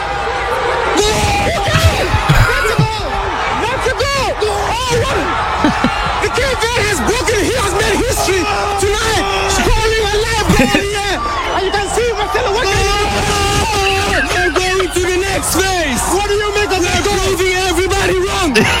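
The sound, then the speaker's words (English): Loud, sustained shouting: a man screams "Goal!" into a reporter's microphone, celebrating Cape Verde's equaliser against Uruguay, over a dense crowd roar, with excited yells rising and falling continuously throughout. “He's screaming, and your man's got one of those big hairy microphones you see BBC reporters with, and he's grabbing the thing, he's going, "Goal!"”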